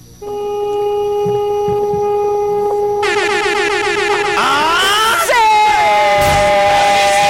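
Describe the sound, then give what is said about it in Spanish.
A loud, steady car horn blares without a break for the entire clip, a very long honk held until someone says stop, and excited voices shout and cheer over it in the second half. “Vamos a pedirte, si eres tan amable, que nos regales un bocinazo, pero muy largo, ¿va?”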